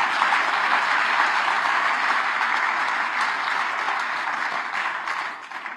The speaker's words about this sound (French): Eh ben oui, eh ben on peut applaudir les auditeurs Radio Espérance, mes amis.